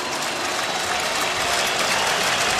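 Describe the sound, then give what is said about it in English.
A baseball stadium crowd of more than 40,000 rises to its feet, cheering and applauding in support of David Bednar to urge him to a third out in the top of the eighth inning, a steady, loud, unbroken roar that holds from start to finish, with no speech on top of it. “The crowd tonight of better than 40,000 rises to their feet in support of David Bednar, trying to urge him to a third out in the top of the eighth inning.”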